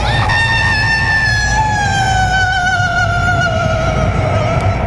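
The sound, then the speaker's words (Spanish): A woman's long, desolate wailing scream that slowly sinks in pitch, sustained for several seconds over a low, gusty rumble like wind, loud and unbroken, with no talking; heard on a road, shaking the mastranto shrubs like a gale. “Y cuando unos viejecitos empezaron a rezarle para ver si la salvaban, salió a la carretera y solo se oía un grito desolador que estremecía los mastrantales como si fuera un ventarrón.”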